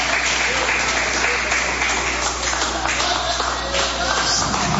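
A standing church audience claps steadily and loudly for several seconds, a dense wash of overlapping hand claps with faint voices mixed in underneath.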